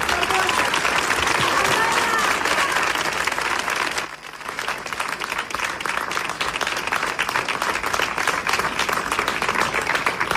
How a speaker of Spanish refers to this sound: Por lo tanto, gracias Pizarra, es un honor que esté hoy aquí, y un fuerte aplauso que le llegará a todos los vecinos de Ceuta.